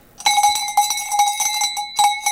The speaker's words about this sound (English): Compared to the volume on cowbell. Give it a quick ding. Now you bang it the way you bang the other thing. What? You swing it the way you swung the other one.